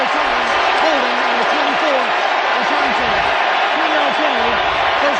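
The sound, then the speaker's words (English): A huge stadium crowd at U.S. Bank Stadium roars and cheers without pause as Teddy Bridgewater takes the field. It is a dense, loud wash of noise with voices swelling and shouting throughout and scattered clapping mixed in. “Bank Stadium, I don't know if it's been louder than this was in this moment as people realized that Teddy was coming back.”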